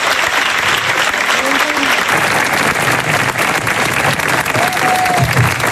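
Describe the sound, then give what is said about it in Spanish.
Sustained applause from a large crowd, joined by His Majesty the King, directed at Luis de la Fuente and the Spanish national team players. A dense, steady clatter of clapping fills the whole clip at a loud, even level, with faint murmured voices and brief tonal sounds underneath. “El aplauso de Majestad del Rey que se dirigía a Luis de la Fuente y al resto de internacionales.”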